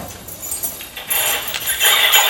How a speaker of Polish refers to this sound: Tak dzwonią. To nie był wzmocniony dźwięk tych kluczy. To była przerobiona na niższe dźwięki ta część tego dzwonienia, której my normalnie nie słyszymy.